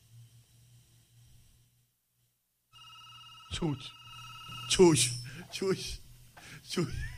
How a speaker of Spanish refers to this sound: Dame la señal que ese teléfono suene.